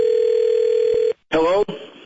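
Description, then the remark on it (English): A steady, unbroken telephone dial tone, heard after a call was hung up, hums at one mid pitch for about a second, then cuts off; after a short silence a person starts talking. “I just hung up on him.”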